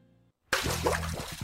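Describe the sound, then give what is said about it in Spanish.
Water drips and splashes loudly, beginning abruptly after a short moment of silence, with a faint tail of an earlier sound fading out just before it. “¿Oyes ese goteo?”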